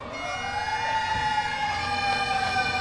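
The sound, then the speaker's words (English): Fire engine sirens wail steadily and loudly outside Fenway Park in Boston, their rising and falling tones layered over a constant rumble of engines and street noise, with no talking, as firefighters and honor riders set off on a 343-mile bike ride to New York City. “Serenaded by sirens and bagpipes outside Fenway Park, the riders began a 343-mile journey from Boston to New York City, symbolizing each of the firefighters lost on 9/11.”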